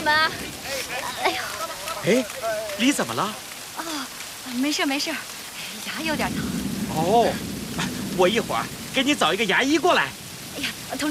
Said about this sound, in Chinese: 这不是下雨了吗？